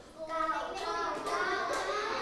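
A group of children clap together for a classmate's correct answer during a lesson, a dense, steady patter lasting about two seconds, with children's voices chattering over the applause.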